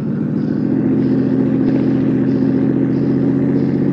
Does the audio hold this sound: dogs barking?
no